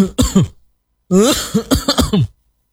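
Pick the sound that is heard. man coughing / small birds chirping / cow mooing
man coughing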